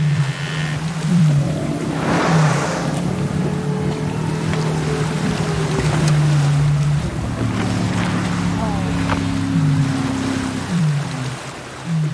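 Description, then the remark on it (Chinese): An orca hunting call, a low, droning tone with gliding pitch, made by one of the same few orcas that use calls to organize companions to drive prey to the surface, gives way to higher squeals over a steady, noisy rumble like a boat engine or underwater hiss. “捕食号令过后就会听到嘣咕隆咕隆咕隆咕隆咕隆咕隆咕隆尖叫。”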